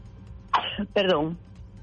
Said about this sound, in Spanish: Perdón. Ay, dos estornudos. Salud.